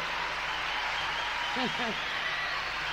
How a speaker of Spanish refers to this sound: Qué hermoso. Un aplauso al … y al … de …. Gracias a ellos.